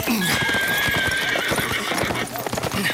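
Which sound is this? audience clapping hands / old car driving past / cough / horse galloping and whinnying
horse galloping and whinnying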